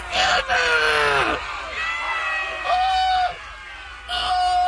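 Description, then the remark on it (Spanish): A loud crowd of jungle animals shouts angrily in repeated bursts, with strained, overlapping yells of "Murderer!" rising and falling several times over a few seconds, after an elephant stepped on an ant. “El elefante había pisado a la hormiga y todos los habitantes de la selva empezaron a gritar: ¡Asesino!”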